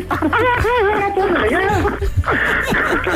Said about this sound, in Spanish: Ya está llorando tu hermana, ¿eh?